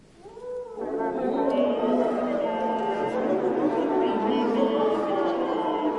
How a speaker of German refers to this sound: Oder manchmal wollen die Komponisten und Komponistinnen auch, dass die Blechbläser in ihre Instrumente reinsingen.